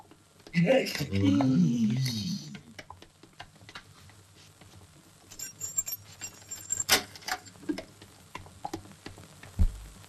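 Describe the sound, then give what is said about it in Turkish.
A voice briefly at the start, then metallic clicks and small rattles as a woman turns a key in the lock of a home's door, followed by the door being opened with scattered taps and knocks. “Karı anahtarla açtı kapıyı.”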